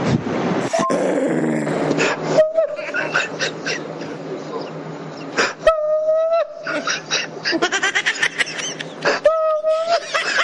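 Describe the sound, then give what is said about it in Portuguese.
A dog that wants to mate but cannot whines and groans repeatedly in high, drawn-out cries with short yelps, fairly loud, mixed with grunting vocal noises throughout. “Esse Pitucho é casado? Só pode. Tá querendo cruzar e não consegue.”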